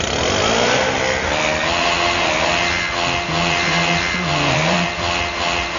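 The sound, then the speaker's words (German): A leaf blower drones loudly and continuously, its whining motor tone shifting slightly in pitch, with no voices. “Mit diesem SR1 Laubbläser-Song haben wir euch heute Morgen geweckt.”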